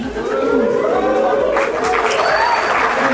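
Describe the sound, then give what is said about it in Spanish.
A loud, continuous crowd roar of clapping mixed with sustained booing and shouting voices during a speech by the president, who celebrates, holding steady for about three seconds with no clear speech. “Aplausos, abucheos, el presidente celebra.”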